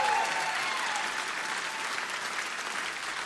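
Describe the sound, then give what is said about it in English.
A crowd applauds and cheers loudly for a drummer. Dense clapping forms a steady wash of noise for the whole stretch, with a brief high whoop or whistle rising at the very start. “Y'all need to scream loud in the back.”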